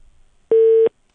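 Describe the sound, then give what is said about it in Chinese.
A single steady telephone tone sounds once for about a third of a second, loud and clear against near silence, as a phone call to someone fails to get through. “他的电话也打不通啊，打不到”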